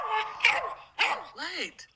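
A small pet dog gives three sharp, high-pitched barks, fairly loud, each a short yappy burst with brief pauses between, the last one rising into a whiny yelp.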